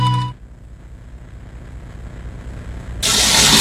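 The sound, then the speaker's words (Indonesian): A tap left running: after a brief tone and a low, quiet rumble, a loud, steady rush of flowing water bursts in abruptly and keeps going to the end. “Ya ampun, ini keran air kok nggak dimatikan lagi.”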